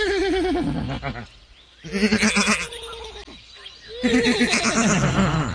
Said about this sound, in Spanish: Los caballillos relinchaban junto al corral.